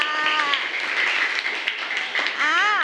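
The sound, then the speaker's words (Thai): A crowd claps steadily for about three seconds, a dense continuous patter, with voices rising over it at the start and again at the end. “พวกเราสุดแสนชื่นใจเลยนะคะปรบมือให้หน่อยค่ะ”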